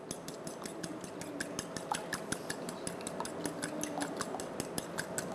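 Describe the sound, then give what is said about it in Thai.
A fork clicks rapidly and steadily against the side of a bowl while two eggs are whisked together, a quick bright tapping rhythm that continues throughout with no one speaking. “หลังจากที่เราตอกไข่เสร็จแล้วนะครับเด็กๆก็หยิบซ่อมขึ้นมานะครับตีให้เข้ากันเลยนะครับ”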